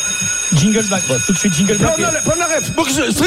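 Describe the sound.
A morning alarm rings at 8 a.m. with a steady, unbroken set of high-pitched electronic tones throughout, while people talk loudly over it.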